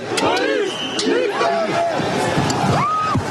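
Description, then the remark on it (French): Many raised voices overlap in a noisy, agitated crowd of protesters refusing to leave despite calls to disperse, with shouts rising above a constant din and traffic-like rumble underneath, fairly loud throughout. “Malgré les appels à la dispersion, la foule reste agitée et refuse de quitter les lieux.”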